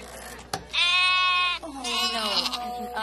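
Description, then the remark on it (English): Two drawn-out bleats from a small sheep in quick succession, each a wavering, nasal, fairly high-pitched cry lasting about a second, the second one quavering more and trailing off. “Una oveja. Pequeñita.”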